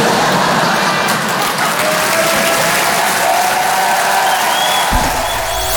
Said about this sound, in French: Voilà, n'applaudissez pas sur ça. On est à Paris, je sais, je sais. Non. À Paris, les gens, ils applaudissent plus sur ça.